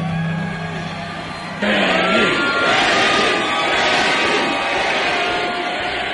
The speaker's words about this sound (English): If you couldn't understand it, the crowd chanting, granny, granny, granny there.